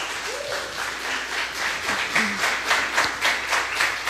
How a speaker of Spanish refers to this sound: La verdad es que un ambiente increíble el que se vive en este espacio. Obviamente en el Valle del Mezquital siempre hay muy buen ambiente. Así que también un aplauso para todas y todos ustedes.